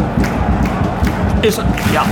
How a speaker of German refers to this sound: Und was ist denn das? Beifall, ja.